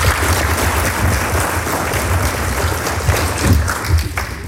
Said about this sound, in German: Was glauben Sie, gibt es in Burgenland mehr gute Pizzen oder mehr gutes Schnitzel? Klatschen für Pizzen? Klatschen für Schnitzel.